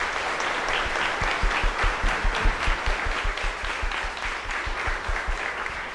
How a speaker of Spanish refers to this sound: quien nos presidirá esta santa celebración y a quien lo recibimos con un fuerte aplauso.